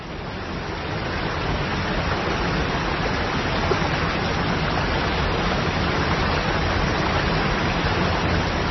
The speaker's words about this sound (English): Standing beside a waterfall is definitely not a quiet experience. And yet we don't condemn this incessant, overwhelming roar as noise pollution the way we would a jet plane overhead.